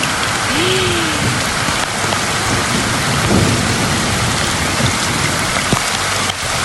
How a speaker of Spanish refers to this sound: Le mandaré lo que grabó mi hijo ayer en la tormenta.